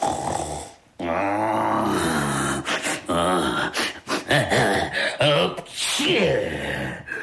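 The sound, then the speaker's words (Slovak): A voice performs a dragon's loud snoring, like sawing wood: deep, growly snorts and rasping breaths, rising and breaking off in uneven bursts for several seconds, with no words. “Už aj počujem, že som na mieste. Šarkan chrápe, ako by drevo pílil.”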